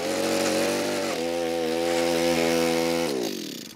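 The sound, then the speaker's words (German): A loud motorized power drill whines steadily as it bores into hard ground while fence elements are being put up, its pitch dropping under load partway through, then spinning down near the end. No voices. “Dann müssen wir da gleich ein bisschen bohren und buddeln.”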